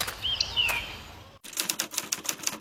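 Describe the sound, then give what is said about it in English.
Crisp typewriter keys clack in a quick, uneven run of strikes after a short pause, preceded by a brief high chirping whistle over busy mechanical clatter. Someone is typing a waste minimisation fund application on a typewriter saved from landfill. “It's a typewriter. I saved it from landfill and now I'm using it to complete my WasteNet Community Waste Minimisation Fund application.”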